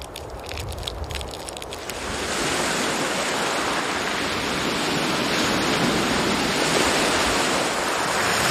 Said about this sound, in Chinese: 当海浪开始侵蚀红树林，招潮蟹回家了。